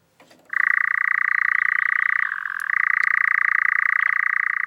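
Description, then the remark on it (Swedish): A European nightjar, a nocturnal bird, churrs in one long, unbroken mechanical trill, a rapid steady purr that dips slightly in pitch midway before resuming at full strength, with no voices present. “Den här nattaktiva fågeln, nattskärra, har en vingform som är en kompromiss mellan att flyga långsamt med en kvickt byta riktning när den jagar insekter och att flyga snabbt och effektivt när den flyttar på våren och hösten.”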